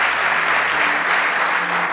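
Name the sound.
audience applauding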